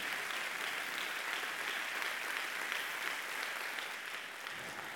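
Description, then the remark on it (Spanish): An audience claps steadily for several seconds to honor God, a dense, even wash of many hands with no pauses and no one speaking over it. “Honrelo a Dios, si quiere honrarlo, con su aplauso.”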